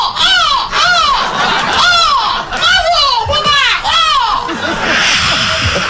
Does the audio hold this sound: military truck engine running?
no